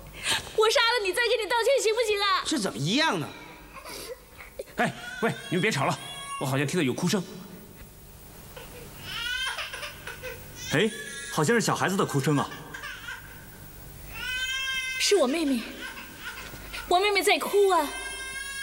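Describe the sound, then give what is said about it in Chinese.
A baby girl cries in repeated high, wavering wails, each burst rising and falling in pitch with short breaths between, fairly loud throughout; her crying carries into a stone chamber of an ancient tomb. “哎，好像是小孩子的哭声啊。”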